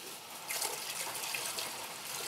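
Alcohol pours steadily from a bottle, the whole bottle emptied, in a continuous splashing stream, a soft hissing gurgle that holds at an even level for a couple of seconds with no voices.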